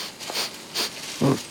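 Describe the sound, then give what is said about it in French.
A koala sniffs at a eucalyptus leaf: two quick, airy sniffs, followed by a short, lower snuffling snort, with no talking. “Il repère une nouvelle feuille, la renifle.”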